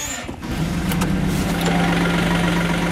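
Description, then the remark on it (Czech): A small diesel farm loader engine cranks and catches, then settles into a steady, loud rumbling idle, with a low droning hum holding even to the end. The loader is being started on a farm to feed young bulls. “Tak já teďka se dám do unska našeho, kterým budu krmit naše byčky. Nastartujem.”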